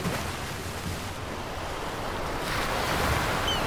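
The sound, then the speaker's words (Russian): Sea waves roll and surge in a steady, full wash of surf, swelling louder toward the end, with no voices present. “Тогда они взяли Иону и бросили его в море.”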